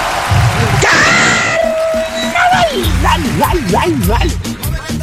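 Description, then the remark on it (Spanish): A man lets out a quick rising yelp that breaks into a held, wavering vocal cry, loud, over a busy background of music and voices. “El medio gritito que se mandó nuestro pariente.”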